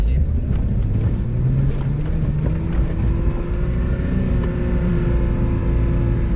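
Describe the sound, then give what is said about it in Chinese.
A loud off-road car engine drones steadily as the car is driven onto soft sand with heavy throttle but without enough speed, its pitch climbing slightly as the throttle is pressed, with rough rumbling and wind buffeting throughout. “你看现在这个车挂到42档，动力是够的，然后呢？你就是很给油，看吧，看，速度没起来，对不对？”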